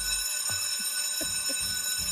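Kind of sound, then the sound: signal or alarm, school bell ringing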